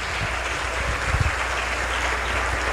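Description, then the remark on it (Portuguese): A church audience applauding in praise of Jesus: a dense, steady wash of many hands clapping, sustained and fairly loud throughout with no distinct rhythm, no voices standing out. “Vamos aplaudir o Senhor Jesus, igreja.”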